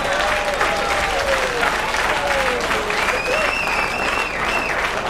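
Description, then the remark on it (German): A live audience bursts into sustained applause, dense clapping with a faint whistle and crowd noise mixed in and a voice faintly audible underneath. “Ja, jetzt möchte ich wissen, wofür wir den Applaus jetzt kriegen.”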